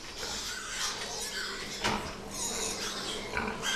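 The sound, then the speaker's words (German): A crowded chorus of pigs grunting and squealing continuously, dense overlapping calls with a few sharper squeals standing out, at a pig fattening farm where about 1 million animals are fattened each year. “Nicht weit entfernt lag ein Schweinemastbetrieb, in dem jährlich 1 Million Tiere gemästet wurden.”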